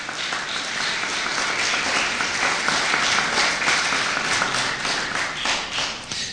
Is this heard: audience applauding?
yes